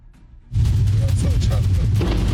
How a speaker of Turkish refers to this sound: Damperi açık bir şekilde ilerleyen kamyon üst geçide çarptı.